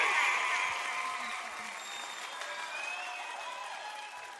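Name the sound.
applause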